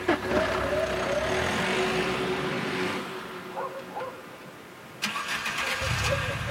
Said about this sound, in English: But a few minutes later, another car engine starts, and headlights flood the parking lot again. It's the abandoned car.